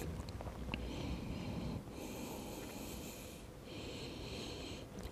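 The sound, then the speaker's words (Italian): Slow, deep breaths drawn in and out during a stretching exercise, with knees widened, hands forward, pelvis pushed back and legs relaxed, about three long airy inhales and exhales in a steady rhythm, fairly soft, with no talking. “Porto le orecchie allineate agli omeri, stiracchio un po' i muscoli dorsali, rilasso le gambe e mi concedo qualche respirazione.”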